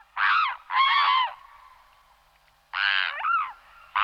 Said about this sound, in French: Ensuite, je passe à un oiseau, un anatidé, un cousin des canards, c'est le cygne tuberculé.